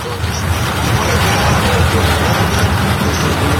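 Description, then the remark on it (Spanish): Heavy rain pours down in Tomé in a steady, dense hiss that stays loud and unbroken throughout, with a low rumbling undertone and no clear voices. “Gracias por compartir ese hermoso sonido de lluvia cuando estamos bajo protección, hoy bajo el techo.”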